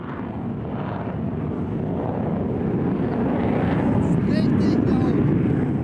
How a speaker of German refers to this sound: Um uns herum starten immer wieder Kampfjets.